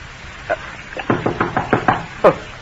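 household object, knocking on a door

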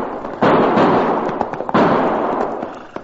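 impact, gunshots

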